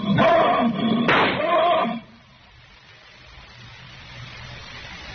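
A lion gives two loud, harsh, full-throated roars in quick succession, then everything drops away to a faint, hushed background.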